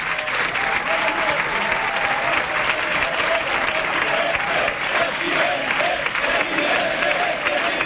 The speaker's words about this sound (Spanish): Pues nos vamos al ganador, nos vamos con Florentino Pérez, Chitu. Mira qué aplauso.